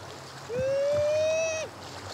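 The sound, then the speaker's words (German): A man imitates a sea lion mother's call on a beach: one loud, sustained wailing note lasting about a second, rising slowly in pitch, over a steady low background of water noise. “Er ahmt den Ruf der Seelöwenmutter nach.”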